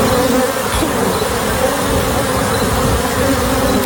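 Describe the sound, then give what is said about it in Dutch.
A dense, continuous drone of countless honeybees from a bee truck in Texas that carried 400 hives with about 2 million bees, buzzing all at once, steady and loud throughout, with a low rumbling hum beneath the swarm and no voices. “De bijenvrachtwagen in Texas vervoerde 400 bijenkorven met in totaal 2 miljoen bijen.”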